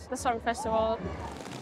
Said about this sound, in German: Es schüttet wie aus Kübeln.